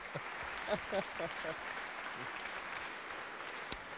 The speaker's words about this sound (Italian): Buonasera, la dottoressa Simona Calcagnini, che canta in un coro, e quindi a maggior ragione un applauso perché forse ha smesso di cantare.